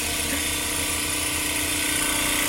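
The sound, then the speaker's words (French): A tissue lyser bead homogenizer vibrates very hard, shaking small beads inside very rapidly to break down tissue, with a loud, steady mechanical roar, a dense buzzing drone with humming tonal layers that holds constant throughout without pauses or voices. “on peut les mettre dans un tissue lyser. Donc en fait, ça va agiter très rapidement avec des petites billes à l'intérieur et donc ça va permettre de déstructurer le tissu.”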